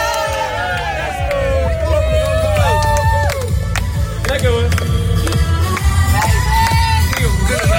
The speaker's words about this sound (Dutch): Gelijk aan Louis van Gaal denken. Juichen. Maar dit was beter.